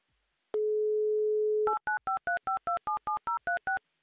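A steady, low telephone dial tone hums for about a second, then eleven quick touch-tone keypad beeps follow in an even rhythm, each a bright dual-pitched chirp, as a caller's number in Petrozavodsk is dialed. No voices are heard.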